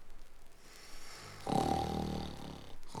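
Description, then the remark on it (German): A loud, rumbling snore swells up after a quiet moment, one long drawn-out breath with a rough, rattling tone, then fades before a brief snort-like sound at the end. “Und 5 Minuten später dröhnt lautes Schnarchen zu Plim und der Bananenbande herüber.”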